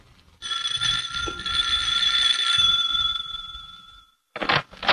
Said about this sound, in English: On the way home, they stop at Amelia's house. As we join them, Jack is ringing the doorbell.